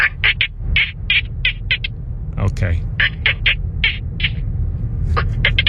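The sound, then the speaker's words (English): A caller imitates dolphin noises as a submission for Steelers tickets: a rapid series of high, squeaky chirps in quick bursts, pausing briefly midway, with a low murmur of other voices underneath and a brief spoken word. “My secret skill back in the day whenever you guys did that segment was dolphin noises.”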